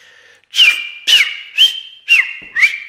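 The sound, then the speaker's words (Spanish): A person whistles five sharp, evenly spaced notes, each a quick rising-falling chirp held briefly, imitating the call of the clock bird (pájaro reloj). Fairly loud, with no talking. “Pájaro reloj, tif tif quien.”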